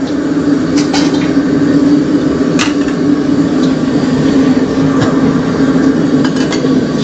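A powerful gas burner roars steadily and loudly, close by, while a few brief clanks and splashy scrapes suggest a wok being rinsed over the flame. No one speaks.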